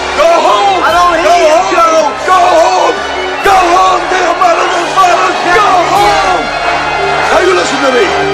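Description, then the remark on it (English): A large crowd outside below a balcony shouts and cheers continuously, heard through opened balcony doors, many voices overlapping into a loud, dense roar with individual yells rising out of the din throughout. “Jack throws open the balcony doors and Pulitzer gestures down at the crowd.”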